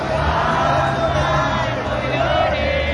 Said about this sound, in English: The lyrics of the mariachi folk song Cielito Lindo weaving harmony in the crowd